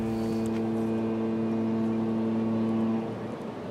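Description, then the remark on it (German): A steady, loud motor drone with a deep hum as a boat is taken out of the water, running without a break and then easing off just before the end. No one speaks. “Er muss ein Boot aus dem Wasser holen.”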